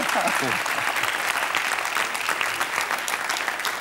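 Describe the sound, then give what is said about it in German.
Sustained audience applause, a dense, steady wash of many hands clapping at even loudness throughout, with a faint voice briefly audible at the start. “Und den Applaus haben Sie schon, wenn er sich noch wiederholt.”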